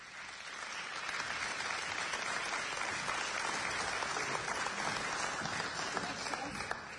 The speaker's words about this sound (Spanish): Un aplauso.